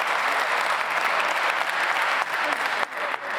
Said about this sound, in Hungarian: Ez lesz a divat, hogyha olyat mond az ellenzéki képviselő, akkor tapsolással belefolytják a szót, esetleg meg is vonják.